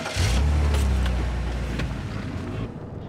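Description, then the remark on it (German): A car engine revs up and accelerates, a loud low rumble with rising harmonic tones that holds steady, then eases off slightly as the vehicle pulls away. “Ja, jetzt komm, gib Gas, auf geht's.”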